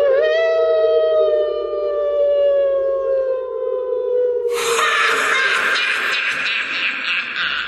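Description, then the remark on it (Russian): A long, drawn-out wolf howl holds a steady, slowly falling wail for several seconds, loud, then gives way abruptly to a harsher, noisier burst of sound. “Хотел Минька закричать, и раздался протяжный вой.”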